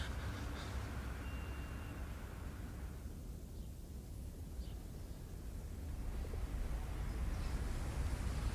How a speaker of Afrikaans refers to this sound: Hier kom jou bus.